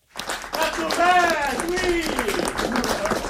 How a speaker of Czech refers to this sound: Kompletně zaplněný sál pařížského studia Eberto. Lidé tleskali, někteří provolávali bravo.